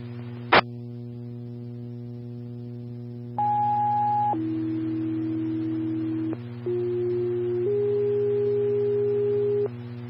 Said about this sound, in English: Farmington Ladder 1, Medic 1, standby for Tones.